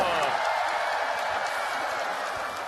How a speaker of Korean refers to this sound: 모두 박수.